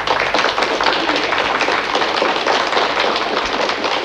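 Steady applause from a crowd, dense rapid clapping that stays loud and even throughout without any voices over it.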